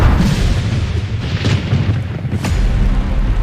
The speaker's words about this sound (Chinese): 这天夜里，惊雷炸醒了沉睡的村民，一道闪电从天而降，劈中古樟。